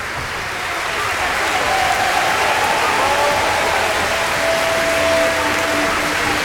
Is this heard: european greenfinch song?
no